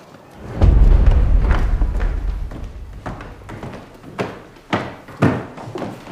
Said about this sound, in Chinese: 开门。